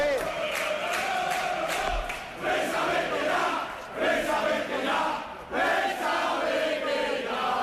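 Rayo Vallecano club members chant and shout in unison against the club president and majority shareholder, Martín Presa, a loud, sustained roar of many voices rising in rhythmic waves with brief dips between bursts.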